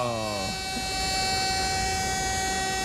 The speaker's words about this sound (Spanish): Nueva esta alarma.